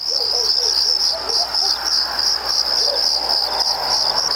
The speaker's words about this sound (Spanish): Yo no pondría ni los grillos, porque bueno, la verdad los grillos siempre están, se hacen presentes.